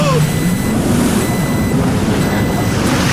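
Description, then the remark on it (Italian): Three faint, evenly spaced high-pitched warning beeps, about half a second each, sound over a loud, steady roar of rushing water and engine-like rumble, out on a lake. “Cos'era quel beep?”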